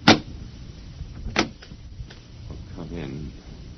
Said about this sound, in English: The last man on Earth sat alone in a room. And then there was a knock on the door.